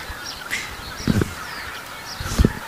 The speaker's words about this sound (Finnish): Mutta siinä meni hanhia meidän edestä oikein hienosti. Joo. Tundrahanhia. Siinä oli valkoinen otsakilpi.